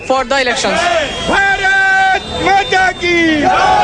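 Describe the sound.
A crowd of protesters gathers outdoors, loud voices raising long, drawn-out shouts and cries over a dense, continuous babble of many people.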